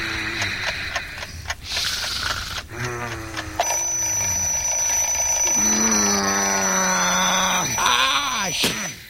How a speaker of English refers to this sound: That damned alarm clock just woke me up.